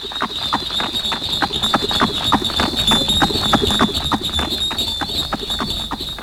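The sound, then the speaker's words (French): Hooves clop in a quick, steady rhythm as a horse-drawn stagecoach sets off with postilions cracking whips, at a post relay inn in the small town of Pierre-Buffière, France, on the royal road from Paris to Toulouse; fairly loud beats over a constant high, thin ringing tone, with no talking. “dans la petite ville de Pierre-Buffière, au relais de poste appelé l'Hôtel des Trois Anges, une diligence démarre à grands coups de fouet des postillons.”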